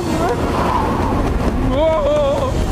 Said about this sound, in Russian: Этот ветер круче, чем рагу из червяков в солнечный день.